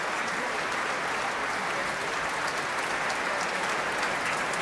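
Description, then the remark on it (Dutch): Sustained, dense applause from a large audience in a concert hall after a performance of Deutsches Requiem conducted by Risto Joost with soloists, orchestra and choir, steady and loud with no breaks, a continuous wash of clapping, with a loud bravo shouted by a fan in the hall. “Ja, dat kan nog even rekenen op een luide bravo van een fan uit de zaal.”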